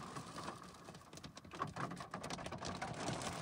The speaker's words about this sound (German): Etwa gegen 18.30 Uhr schiebt sich die Unwetterfront vom Norden durch NRW. Betroffen vor allem das Münsterland. Regenfälle und starke Sturmböen sorgen für Überschwemmung, vollgelaufene Keller und umgekippte Bäume. An vielen Orten hagelt es auch.